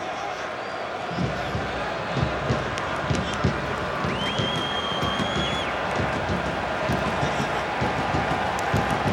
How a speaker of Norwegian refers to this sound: Og litt applaus.